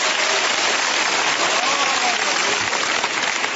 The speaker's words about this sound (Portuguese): Pode bater as palmas para Jesus, meus irmãos. And glorify the Lord.